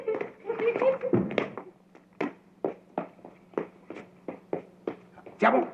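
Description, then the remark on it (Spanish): A small dog whimpers and yelps in a tangled burst, then gives a steady run of short, sharp barks at an even pace, fairly loud. “Oye, Kiko, ¿qué tal si jugamos con tu perrito?”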